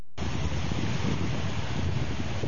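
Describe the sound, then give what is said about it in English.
Steady wind and rolling surf on a Mediterranean beach in Tel Aviv, Israel, on a sunny day, a continuous broad roar with wind buffeting the microphone, fairly loud, with no voices. “Israel's Mediterranean coast boasts stunning views and great beaches.”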